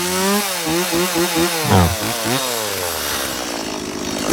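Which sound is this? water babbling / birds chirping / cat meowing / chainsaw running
chainsaw running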